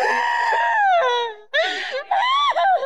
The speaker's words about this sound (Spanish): Espérate ahora. ¿Qué gritas, diablo? ¿Qué te está pasando? ¿Qué te está pasando? ¿Qué te está pasando, Satanás? ¿Por qué gritas?